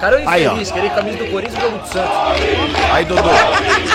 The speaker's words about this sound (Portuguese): Não, o cara não, metade do estádio gritando, vai Corinthians.